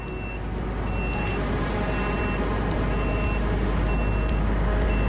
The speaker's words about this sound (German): Der Detektor piept, heißt das, hier gibt es Drohnen? Ja, Aufklärungsdrohnen.